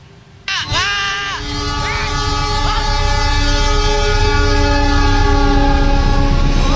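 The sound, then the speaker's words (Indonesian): An Anggrek train suddenly thunders past a railway level crossing on Jalan Layur in Semarang, Indonesia, narrowly missing an MPV that broke through the crossing barrier on Friday 12 June, its horn blaring with wavering, sustained tones over a heavy, steady rumble of wheels that stays loud to the end. “Dalam video yang beredar di media sosial ini, mobil berjenis MPV ini nekat menerobos palang pintu kereta api di Jalan Layur, kota Semarang, dan nyaris tertempel kereta api anggrek.”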